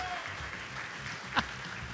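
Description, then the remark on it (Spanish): An audience welcomes a nervous singing participant with a dense, steady wash of strong applause that holds an even level throughout, with one sharper, louder clap standing out briefly partway through. “lo vamos a recibir con un fuerte aplauso porque debe estar nervioso, como estamos todos un poco.”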